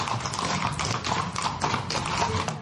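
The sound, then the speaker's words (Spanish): Horse hooves clip-clop in a steady, brisk rhythm, each clop sharp, over a constant background rumble with no one talking. “Entonces se juntaban con sus caballos, iban a Ronda, pero iban en un día, ¿me entiendes?”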